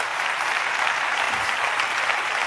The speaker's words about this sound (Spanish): Oh, esto se pone mejor todavía. Dale, dice, dale el aplauso.